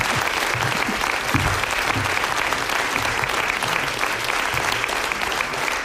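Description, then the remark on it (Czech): Sustained applause from a large audience as a woman comes onto the stage, a dense, steady wash of clapping at even loudness throughout, with no distinct voices standing out. “my vám teď moc zatleskáme, protože jsem rád, že Olga Ringelová přišla na jeviště”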